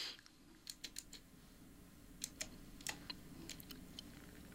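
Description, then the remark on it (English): Someone types on a computer keyboard in two short, irregular bursts of quiet clicking keystrokes, with a low steady background hum and no talking; they are typing a composer's name to search for a piece of music. “I was typing in Camille Saint-Saëns. I'm looking for a certain piece of music, and I mistyped it as usual”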